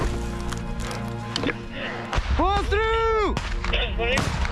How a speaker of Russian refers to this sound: С уверенностью могу сказать, что это восточноевропейская реплика. Наш гранатомет взвелся бы сразу при контакте, а не через 2 секунды. Да и взрыв был бы чуть-чуть помощнее.